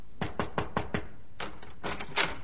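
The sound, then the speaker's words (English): Someone raps on a dressing room door at night: a quick run of five sharp knocks, a short pause, then a few more heavier, slower knocks, with no voices. “one night I was in my dressing room changing off the performance when there came a knock at my door.”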